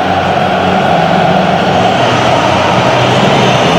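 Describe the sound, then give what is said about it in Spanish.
A stadium crowd at an Argentina–England match whistles en masse while a song for the English is played, a loud, unbroken wash of shrill tones blended with a dense roar of voices, holding steady for the whole few seconds with no pauses. “Por eso los silbidos.”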